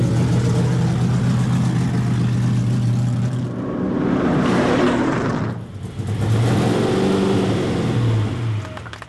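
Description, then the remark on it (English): A loud car engine revs hard and accelerates as the driver hits the gas, its roar rising, briefly dropping as if shifting gears, then surging again steadily with no voices. “When you hit the gas, you're gone.”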